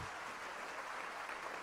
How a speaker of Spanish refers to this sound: Dele ese aplauso de gloria a Dios.